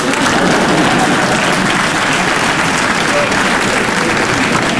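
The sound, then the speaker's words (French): An audience breaks into sustained, dense applause, steady and loud throughout, a continuous wash of many hands clapping with no voices standing out. “Et c'est quand on m'applaudit que je m'aperçois que c'est un exploit.”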